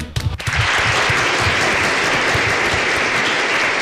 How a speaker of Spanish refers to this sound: Muy bien, los aplausos, por favor.